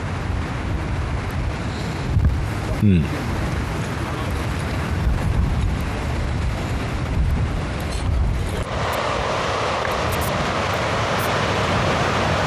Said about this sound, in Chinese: 从果岭这边看过去啊，海浪的程度也能够感受到，大西洋的强风几乎从来不会缺席这场比赛。不过相对果岭旗的这个飘动的幅度，还是能够看得出来比第一天的风速要好了很多。